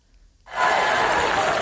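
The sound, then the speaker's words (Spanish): After a brief hush, a loud ovation erupts suddenly and holds steady: a dense wash of crowd applause and cheering that stays at full strength to the end, as new CEO John Ternus opens Apple's traditional autumn product presentation. “Con esta ovación, el nuevo CEO de la compañía, John Ternus, iniciaba esta tarde la tradicional presentación de otoño de la compañía.”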